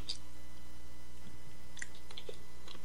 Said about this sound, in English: Let me take a little slurp here. A little slurp of water.